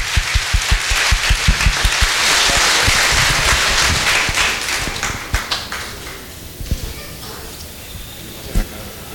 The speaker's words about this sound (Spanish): Y un fuerte aplauso para todas las madres en este día.